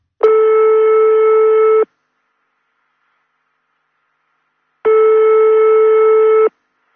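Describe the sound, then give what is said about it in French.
A telephone ringback tone sounds twice as a call is placed to a contest winner, each steady buzzing ring lasting about a second and a half, separated by a long silent gap, with no voices. “Deuxième sonnerie.”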